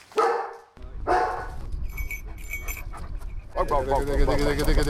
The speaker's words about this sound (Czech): Místo obvyklého ticha byl včera okolo Labské boudy v Krkonoších slyšet hlasitý štěkot.